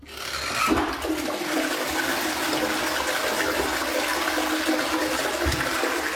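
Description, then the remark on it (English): A toilet flushes, a sudden rush of water that swirls and gurgles steadily for several seconds before starting to taper, with no voices over it. “And what really happens when you flush the toilet?”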